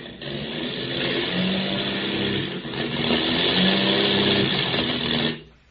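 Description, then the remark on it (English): A loud, rough airplane engine with motor trouble drones with a wavering low pitch over the Indian Ocean, briefly faltering midway before surging again, then abruptly dies away at the end. “Hear that, Skip? We've got motor trouble.”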